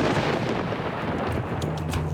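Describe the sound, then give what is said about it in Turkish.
A steady, loud roar of wind and rain on a windy, rainy morning at Yunalekliğit, dense and unbroken with a deep rumbling buffet underneath, with no voices. “Bu sabah biraz rüzgarlı, biraz yağmurlu.”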